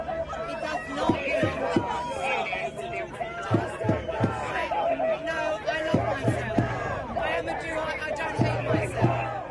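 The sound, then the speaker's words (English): A large crowd of protesters at a demonstration against selling land in the occupied West Bank chants and shouts together, with rhythmic bursts of clapping or drumming repeating every couple of seconds over a constant roar of many voices. “They were surrounded by a large crowd of counter-protesters.”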